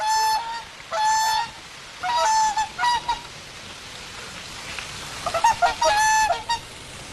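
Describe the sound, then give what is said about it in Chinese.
Large waterfowl, a winter migratory species under national second-class protection, honk repeatedly in irregular bursts of nasal, brassy calls, some overlapping, with a pause midway before another cluster; no one speaks. “它是鸦科中个体最大的类群，也是大型水禽。它呢是冬候鸟，那可能都听说过，咱们这个西山保护区不是也有一个天鹅湖？”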